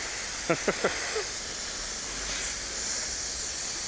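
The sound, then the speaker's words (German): A steady, soft hiss of water spraying over a condor, giving it a little shower against the heat, runs through the whole clip, with three short, quick vocal-sounding bursts near the start and a faint fourth after them. “Ja, kleine Dusche, ne? Schön gegen die Hitze.”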